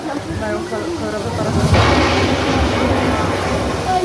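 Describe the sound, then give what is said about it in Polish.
A deep, rolling thunder rumble swells partway through and keeps growling over a steady, hissing wash of rain, loud and continuous to the end: a simulated storm with lightning and real water raining onto a scale model of Plac Zbawiciela, with its tenement houses and the Church of the Most Holy Saviour. “I błyskawice.”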